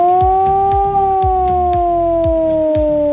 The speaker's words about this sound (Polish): A w całym kraju można dziś usłyszeć wycie syren alarmowych. To w ramach ćwiczeń Alarm 26. Uruchamiane są syreny, których sygnał brzmi w ten sposób.